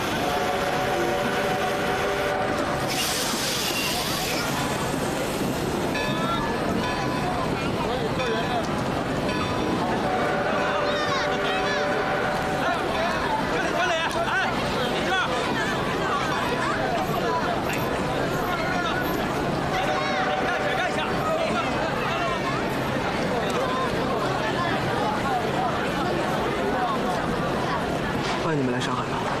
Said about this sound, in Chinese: 哦，他去火车站了。 北方的同学们，今天到。